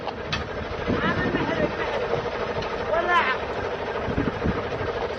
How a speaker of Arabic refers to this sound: محرك والله.